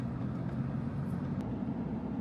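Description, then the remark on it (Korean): Brightly decorated trucks rumble steadily along a road at Taxila, Pakistan, on the way to Peshawar, a continuous low engine and tyre drone that holds at an even, moderate loudness throughout, with no voices. “탁실라는 페샤워르로 가는 길목으로 화려하게 꾸민 트럭들이 도로를 달립니다.”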